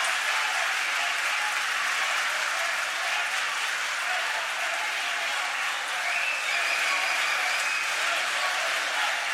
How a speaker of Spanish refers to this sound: Algunos parlamentarios están retirándose del hemiciclo. Keiko Sofía Fujimori Iguchi toma atención de esta situación. Recibe el aplauso de los asistentes.